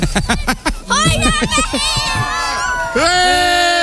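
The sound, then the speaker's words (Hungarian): A little girl's high-pitched voice shouts and wails in long, wavering cries, loud over a busy background of other voices and bustle, ending in a sustained sharp yell. “Az ő kislánya kiabált?”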